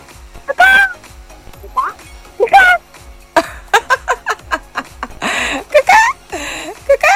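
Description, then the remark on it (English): A caller to the Kids FM radio show vocally imitates a chicken, producing a series of clucks and squawks in bursts, some short and choppy, others drawn out and warbling, fairly loud with no other talk. “Give me the sound of a chicken.”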